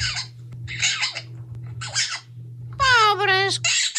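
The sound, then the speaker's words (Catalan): A bird chirps and squeaks in a run of short, bright bursts, ending in a louder, warbling squawk, over a steady low hum. “Calla, ocell de mai”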